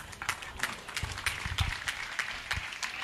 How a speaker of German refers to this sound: Nochmal einen kräftigen Applaus und alles Gute.